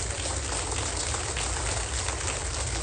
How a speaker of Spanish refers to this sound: Suelte fuerte el aplauso, está bien.